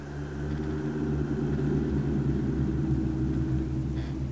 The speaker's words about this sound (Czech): Slyšel jsi? Někde v horách bouří.